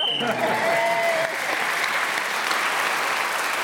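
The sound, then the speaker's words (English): A whistle shrills for about a second, ending a round of a panel game as Paul Merton is speaking, quickly swallowed by an audience's loud, steady applause that carries on to the end. “So Paul Merton was then speaking as the whistle went.”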